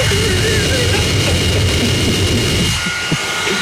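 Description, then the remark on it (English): A newly bought leaf blower runs steadily at full power, a loud, dense roaring whoosh with a high whine on top, easing slightly near the end. “We've got a leaf blower.”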